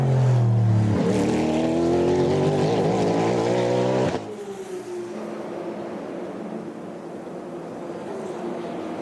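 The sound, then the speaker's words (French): A loud Cadillac V8 race car engine roars up through rising harmonics for about four seconds, then drops abruptly to a lower, steady rumble as the car moves away. No one speaks. “Le V8 de la Cadillac, c'est pas mal ça en sonnerie de réveil.”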